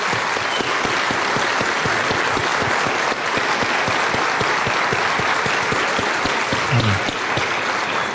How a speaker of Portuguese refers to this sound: Amém. Amém. Glória a Deus. Pode aplaudir.